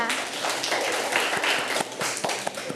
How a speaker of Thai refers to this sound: เก่งมากลูกอ่ะเด็กๆปรบมือให้เพื่อนค่ะ